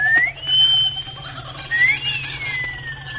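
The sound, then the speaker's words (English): A man gives a two-part wolf whistle, a shrill upward swoop followed by a long falling glide, over a faint low background hum with no talking, to signal a woman heading into the jungle from a hut on the far side. “Give her that wolf whistle”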